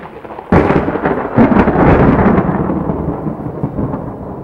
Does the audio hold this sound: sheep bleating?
no